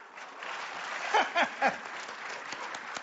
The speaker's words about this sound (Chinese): 哎，鼓掌就对了，说明您这叫鼓掌接福，愿福到您家。